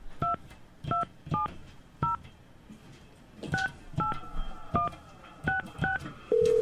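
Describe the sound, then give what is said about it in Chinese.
A phone keypad is dialed to place a call during a radio call-in program, about a dozen crisp two-tone beeps in uneven bursts, clear, ending as a steady held tone begins. “来，咱来个口音吼，嘛来个口号啦吼，那个卡电话。”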